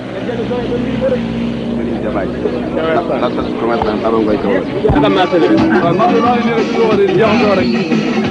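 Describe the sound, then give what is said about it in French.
The busy central market near the customs post in Kaolack, under a blazing sun, with a steady drone of many motorbike taxi engines revving, layered with a constant murmur of many people talking. “D'interminables va-et-vient, les vrombissements de ses nombreux vélo-taxis et clans d'eau déchirent l'atmosphère sous un soleil de plomb.”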